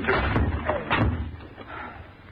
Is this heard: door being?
yes